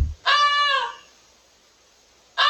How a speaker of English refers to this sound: Goosey. It's a goose. It is a goose.